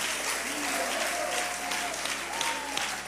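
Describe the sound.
A church audience applauds steadily in praise of Christ, a dense, continuous wash of clapping that stays loud throughout, with faint voices and a few sustained tones weaving underneath.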